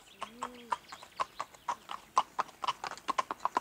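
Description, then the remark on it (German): Steady clip-clop of horse hooves at a walking pace as a horse is ridden on a cross-country route with a second, calm horse alongside. Each crisp knock is evenly spaced, with a brief low creak or call near the start and no talking. “Da sieht man, was es ausmacht, wenn ein Pferd dabei ist, was keine Angst hat.”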